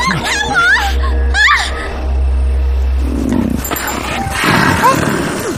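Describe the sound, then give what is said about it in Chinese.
A mastiff growls and snarls ferociously, a deep continuous rumble with sharp yelping bursts, attacking to protect its owner while people cry out in the middle of a chaotic scuffle. “要说保护主人呢，没有什么比熬更让人放心了，你知道吗？”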